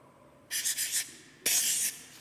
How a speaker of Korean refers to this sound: 사인펜, 사인펜 소리로 힌트 드릴게요.